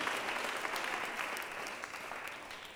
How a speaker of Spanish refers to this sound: Si le vamos a dar un aplauso al Señor, démoselo, pero démoselo con todo el corazón.